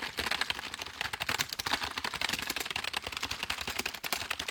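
Rapid, continuous typing on a cheap plastic membrane keyboard, a dense stream of soft, muffled key presses with an uneven rhythm and no voices.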